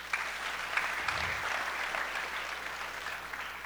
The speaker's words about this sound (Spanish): Como también a los cofrades de las diferentes comunidades, como los de acá del centro, también les pido un aplauso a ellos.